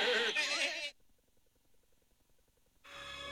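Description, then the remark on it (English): A loud, wavering goat bleat opens, followed by a near-silent stretch of faint regular ticking, then a burst of noisy sound returns at the end. “They called WPTS Radio the petting zoo because all your goats are playing.”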